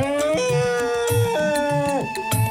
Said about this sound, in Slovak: A tak zodvihol svoj mohutný chobot a zatrúbil na celú krajinu.